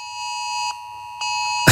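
A piercing emergency alert blares from smartphones in Stockholm and Gotland, Sweden, with steady high-pitched tones, briefly interrupted twice, over a low background rumble before ending in a sharp burst. No one speaks.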